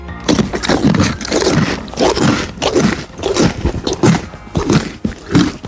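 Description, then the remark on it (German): A pony named Ronny Pony at a horse farm chews its food loudly, with steady, rhythmic crunching bites repeating roughly twice a second, broad and gritty in tone, with no voices over it. “Da wird aber laut gekaut.”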